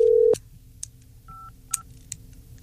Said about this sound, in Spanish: Vamos a volverla a marcar. ¿Cómo? ¿Por qué no contestaría?